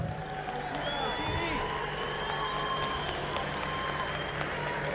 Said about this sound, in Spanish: Hace muchos años que venimos recorriendo el camino y no me va a dejar mentir alguien para quien voy a pedir un fuerte aplauso